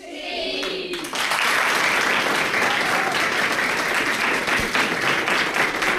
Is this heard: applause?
yes